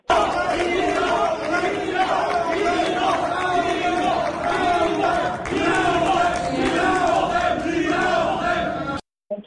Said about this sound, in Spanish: En entrevista, al concluir el anuncio oficial, los simpatizantes de su contrincante Rafael Marín Mollinedo gritaban fraude. Vamos a escuchar.